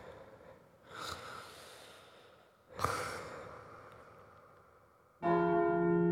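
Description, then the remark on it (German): Two soft, breathy snorts give way to a single loud church bell strike, the seventh stroke of the hour at first daylight, ringing out with a rich, sustained tone at the end. “Mit dem 7. Glockenschlag fällt das erste Tageslicht durch meine Schlitze auf ein haariges Bündel.”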